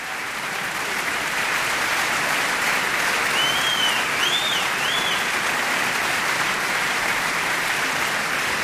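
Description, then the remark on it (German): Enthusiastic opera audience applause at the reopening of the Cologne Opera on Offenbachplatz, celebrating the Gürzenich Orchestra, Andrés Orozco Estrada, singer Alina Wunderlin and the vocal ensemble; a dense, steady roar of clapping that stays loud throughout, with a few faint high whistles cutting through midway. “Sie hören das Publikum, da gibt's kein Halten.”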